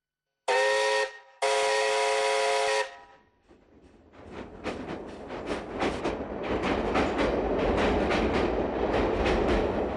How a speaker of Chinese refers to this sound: 现在火车已经加速行驶，他要尽快地到达下一站。